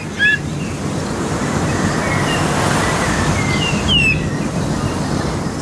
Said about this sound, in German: Jedenfalls klingt er jetzt so ein bisschen wie so ein Sandregenpfeifer oder Richtung Kiebitzregenpfeifer, sowas. Also sehr ungewöhnlich und anders als unser Gimpel.